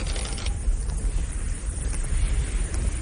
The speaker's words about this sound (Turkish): Görüyorsunuz, artık burada durabilecek gücümüz kalmadı. Çadırları bile söküp attı rüzgar.